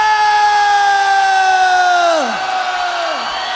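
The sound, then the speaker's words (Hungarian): A large crowd holds one long, loud shout together at a steady pitch, then the voices slide downward and fade, with a second shorter falling cry right after. “Ez egy nemzetközi kiáltás.”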